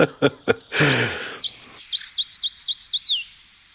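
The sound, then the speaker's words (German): A song strophe of a bird that favours healthy old forests: a rapid series of about seven bright, identical whistled notes, each a quick rising-and-falling slur, preceded by a few sharp clicks and a brief rush of noise. “Und wenn sie also mal diese Strophe hier hören, dann wissen sie, sie sind im tollen Wald.”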